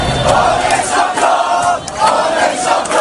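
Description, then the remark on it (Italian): A large crowd of Paris Saint-Germain football fans in Paris roars and shouts in celebration at 9 pm as PSG win the Champions League final against Arsenal after extra time and penalties, a dense, loud wall of cheering voices with rising bursts of excitement throughout. “Dopo i tempi supplementari e i rigori, alle 21 il grido di gioia.”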